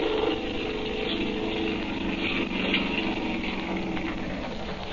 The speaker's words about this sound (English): He's hauling him up into the boat. Now he's starting the motor up. He's turning around the boat, and here he comes.